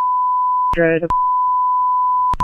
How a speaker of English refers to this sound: Like his address got get beeped out.